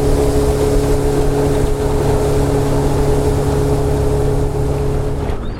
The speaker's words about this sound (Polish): Przepłynęliśmy trasę motorówką.